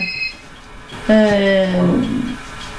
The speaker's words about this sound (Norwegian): Nå ringer telefonen her også.